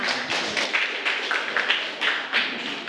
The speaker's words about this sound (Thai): ขอเสียงปรบมือด้วยค่ะ